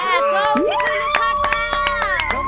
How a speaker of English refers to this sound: That's what I'm talking about. That's the kind of scream we need.